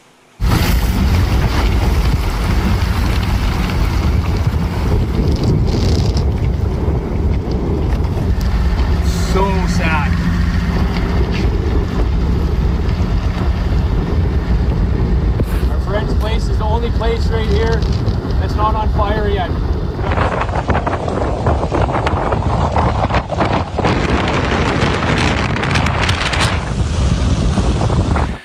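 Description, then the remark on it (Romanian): Loud, constant roar of strong wind buffeting the microphone for the whole stretch, with rumbling low gusts and muffled, indistinct voices buried underneath; 80 km/h wind gusts in southwestern Canada driving a wildfire through forest and lakeside houses. “Dezastru și în sud-vestul Canadei, unde flăcările uriașe au dus la evacuarea mii de oameni, alimentat de rafalele de vânt de 80 de km pe oră, focul a avansat rapid și a cuprins pădurea și casele de pe malul unui lac.”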